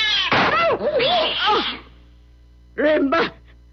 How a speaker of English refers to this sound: Rimba! You've killed Rimba! That cat was mad. It was attacking.